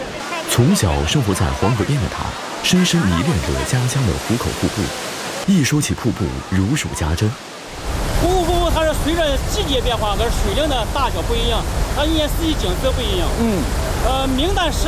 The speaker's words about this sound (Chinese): 拍摄当天，瀑布流量每秒400多立方米，依然水声轰鸣，如万马奔腾。